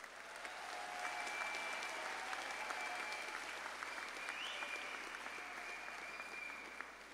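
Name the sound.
round of applause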